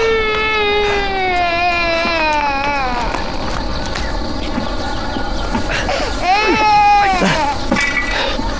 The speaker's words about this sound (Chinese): 没事没事，孩子哭了啊，你弄好回来。